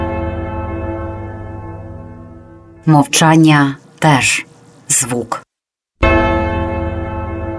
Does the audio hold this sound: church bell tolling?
yes